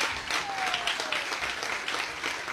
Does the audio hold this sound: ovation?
yes